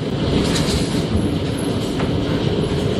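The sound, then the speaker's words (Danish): Heavy hail pours down during a passing thunderstorm in Karrebæksminde, South Zealand, Denmark, in a dense, steady roar of countless rapid impacts, loud and unbroken for the whole stretch, with a low rumbling undertone and no voices. “Ja, her er det store mængder havl, der falder i Karrebæksminde, mens tordenvejret passerede der.”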